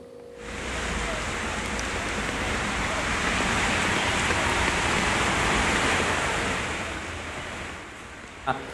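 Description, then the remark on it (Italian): A steady, loud roar of heavy rain and rushing water in Liguria, Italy, fading in and out, with water pouring and churning into drains as local police work to clear them and let the water flow away, and no clear voices. “Vedo le immagini che appunto ci sta mostrando, che evidentemente sono immagini di una situazione in cui la polizia locale si sta, diciamo, attivando per tentare di far defluire di più l'acqua e quindi evitare che si allaghi completamente questo”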